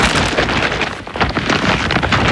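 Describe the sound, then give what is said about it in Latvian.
An IKEA shopping bag holding clearance goods rustles and crinkles loudly and continuously, a dense scratchy noise that briefly eases midway before picking up again, with no voices. “Dzirdi? Tā skan IKEA iepirkuma maiss ar izpirkšanas precēm.”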